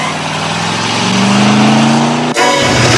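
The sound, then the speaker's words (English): A car engine revs up loudly, its pitch climbing as Kaneki's car pulls out of its parking spot and peels off, accelerating hard, with a sharp shift partway through. “steps out from behind a pillar and watches Kaneki pull out of his spot and peel off.”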